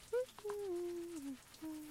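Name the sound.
shower running water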